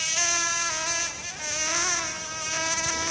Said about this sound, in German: Aber von nervigen Mücken bekommt man dieses Jahr bisher auffällig wenig mit.